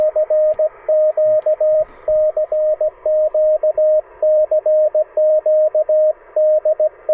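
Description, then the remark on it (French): Morse code beeps from amateur radio: a steady mid-pitched tone keyed on and off in quick dots and dashes, continuing throughout over a faint background hiss, with no talking. “Les gens qui ont débuté les radios amateurs, on a beaucoup entendu ça pendant la dernière guerre, c'est les petits bip-bip, bip-bip, le morse.”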